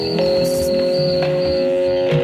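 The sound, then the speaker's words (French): A dense electronic drone of sustained high tones and buzzing layers, like a swarm of mosquitoes, holding steady and loud throughout with a few brief hissing bursts and no voices. “Il est un des nuages de son qui ressemblent à des nuages de son de moustiques.”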